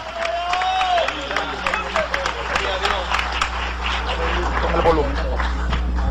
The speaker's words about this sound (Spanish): Dale ese aplauso de gloria al Señor. Dale ese aplauso de gloria a Dios.